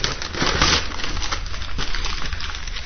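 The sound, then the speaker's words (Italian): A glossy political magazine burns as it is used to feed a fire, giving a steady, dense crackle and papery rustling with a soft low roar underneath, holding an even loudness throughout and no voices. “Ed è effettivamente così, perché in questo momento stiamo alimentando il nostro fuoco con una bella rivista politica.”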